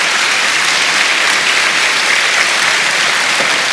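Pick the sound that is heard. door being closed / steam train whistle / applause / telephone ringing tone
applause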